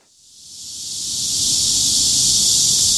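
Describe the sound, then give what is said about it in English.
A dense, buzzing chorus of cicadas swells from quiet to loud over the first second or so, then holds as a steady, piercing hiss with a faint low rumble beneath, at midday during a heat wave in Seoul, South Korea. “A deafening crescendo of cicadas cuts through the midday heat.”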